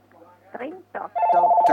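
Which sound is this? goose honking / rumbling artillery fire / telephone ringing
telephone ringing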